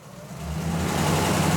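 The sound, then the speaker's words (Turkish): An old car engine, started for the first time in about 40 years, idles with a steady low rumble, rising slightly in loudness as it settles into an even, throbbing hum. No one speaks. “Evet, bu arabanın çalıştığını duyan son kişi büyük babamdı.”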